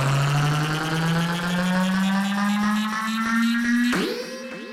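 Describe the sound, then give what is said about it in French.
A boat engine revs loud, its droning pitch climbing steadily for several seconds before shifting abruptly near the end as it powers away. “ton bateau est prêt ?”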